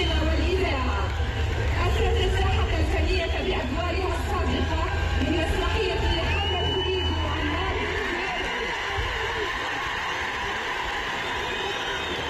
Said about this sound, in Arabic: تصفيق كبير تبارك الله، تصفيق كبير وترحاب استثنائي بالفنانة ….